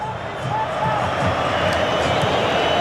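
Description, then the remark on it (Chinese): Argentina football fans roar and cheer in a stadium in the 96th minute of a match against England, with Argentina leading 2-1: a loud, dense wash of many voices that holds steady for the whole three seconds without a break. “这是阿根廷球迷的呐喊， 对对，一定是阿根廷球迷。”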